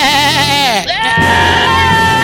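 A young female goat gives a loud, quavering bleat with a shaky, wavering pitch, breaks off briefly, then carries on with a second, lower and steadier cry.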